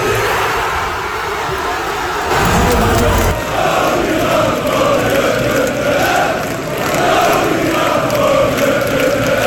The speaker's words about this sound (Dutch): Honderden mensen die samen naar de wedstrijd keken in Tivoli Vredenburg in Utrecht, die konden juichen in de 72e minuut.